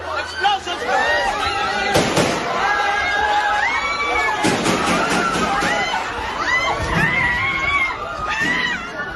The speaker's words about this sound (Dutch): In de Senaat in de Filipijnen zijn schoten gehoord.